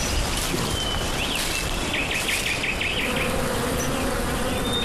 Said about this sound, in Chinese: 啊，见到蜜蜂飞啊！往那个风向下去，第一次就是有蜂巢了。